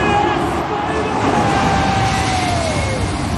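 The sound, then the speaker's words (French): Two large airliners pass low overhead, a few dozen metres above the roof of the stadium in Cape Town, South Africa, just before kick-off of a rugby match; a loud, steady jet roar with high whining engine tones that slowly glide downward in pitch as they go by. “Ce que vous entendez là, ce sont deux gros avions de ligne.”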